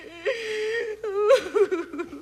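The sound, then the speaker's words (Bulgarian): A voice whimpers and cries in drawn-out, wavering high-pitched wails, broken by a short gasp and a few choked sobs, fairly loud with no clear words. “Вдигаш врява тук такава, че и себе си не чувам. Дали плача или не?”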